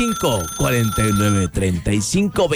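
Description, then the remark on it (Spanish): A telephone rings steadily with an incoming call, the first call coming in, through the whole moment with a sustained electronic tone, partly buried under a loud, melodic voice that rises and falls. “Ya entró la primer llamada.”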